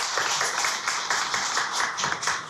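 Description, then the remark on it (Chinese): An audience at a concert claps steadily throughout, a dense, even wash of many hands with quick crisp slaps and no break. No voices are heard over it. “现在呢，让我们用最热烈的掌声有请这株从空谷中走来的幽兰”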